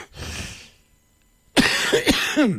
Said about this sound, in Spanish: Es que uno tiene derecho también a toser, ¿o no? Claro. Todo el mundo tiene derecho a toser, y yo también.